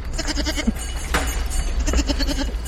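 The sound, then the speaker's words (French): Several goats, including Rhône goats and three Savoie goats, bleat in overlapping bursts, a cluster of wavering calls at the start and another toward the end, against a steady outdoor rumble with no one talking. “Alors là, t'as des chèvres du Rhône. Là, t'as trois chèvres de Savoie.”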